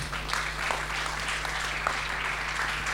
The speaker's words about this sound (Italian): Un'altra targa anche per loro, per l'Associazione Nazionale dei Carabinieri del Nucleo Regionale, ovviamente, di Protezione Civile della Liguria. Eccoci qua, ci siamo. Un bel applauso.